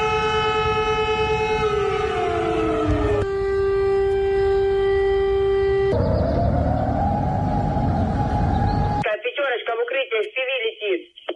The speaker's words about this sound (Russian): Так звучит воздушная тревога в России.